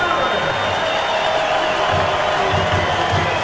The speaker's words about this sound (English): here's a well-deserved round of applause for Jose Ramirez